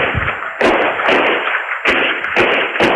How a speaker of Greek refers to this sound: Ο 54χρονος τον πυροβολεί 6 φορές με περίστροφο. Κάμερα ασφαλείας καταγράφει τον ήχο των πυροβολισμών.